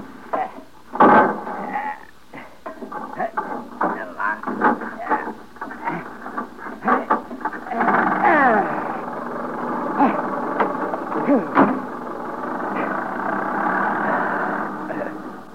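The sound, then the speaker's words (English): A vintage motor car engine is cranked with a series of uneven clanks and sputters, then catches and settles into a steady rumbling idle. “I'll crank the engine.”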